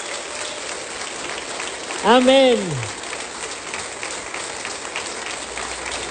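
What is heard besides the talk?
applause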